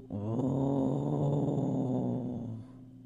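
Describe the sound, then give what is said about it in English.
A hungry stomach growls in one long, low rumbling gurgle lasting about two and a half seconds, fairly loud, then fades out. No one speaks. “He could hear his stomach growling.”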